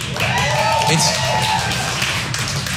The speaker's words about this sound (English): You'll learn not to jump the gun in my jokes with the clapping.